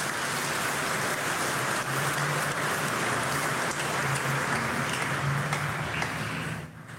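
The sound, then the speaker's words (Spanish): An audience applauds God together, a dense, steady wash of many hands clapping that holds evenly loud for several seconds before tapering off at the end, with no voices over it. “Un aplauso a Dios que nos ama.”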